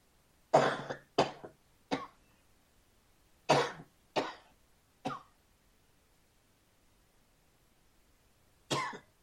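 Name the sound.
coughing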